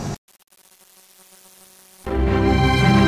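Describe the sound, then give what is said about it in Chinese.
Honeybees kept by beekeepers in Miyun buzz softly with a steady, low hum for about two seconds, then a much louder, dense wash of sound abruptly takes over and fills the rest. “小蜜蜂有大文章，密云擦亮了丰盛密云的品牌，而蜜蜂所带来的生态价值远不止于此。”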